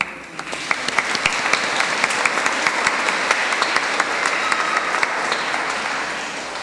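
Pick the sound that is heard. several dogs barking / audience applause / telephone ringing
audience applause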